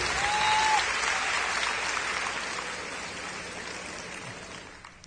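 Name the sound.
audience applauding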